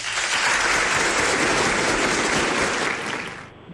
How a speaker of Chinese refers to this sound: 好嘞，好嘞，好嘞，挺短啊，掌声鼓励一下。